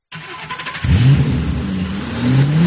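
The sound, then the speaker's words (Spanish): A car engine cranks and catches, then revs up loudly with rising and falling pitch, alone, climbing again at the end. “¿Problemas con tu coche?”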